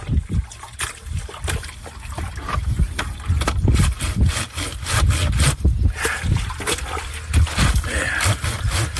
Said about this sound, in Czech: A teď jdeme prát. Použil jsem asi 70 let starou valchu a jako prací prostředek jedlou sodu, smíchanou s vodou.